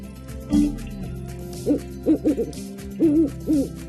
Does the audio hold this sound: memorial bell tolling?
no